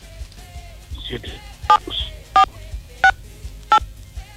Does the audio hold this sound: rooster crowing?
no